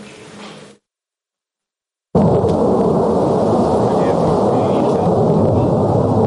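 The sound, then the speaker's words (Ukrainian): A loud, steady jet roar bursts in after a brief quiet gap and holds for several seconds, deep and rumbling as a Ukrainian military aircraft returning from a mission passes overhead. “гуркіт нашого літака, що повертається із завдання”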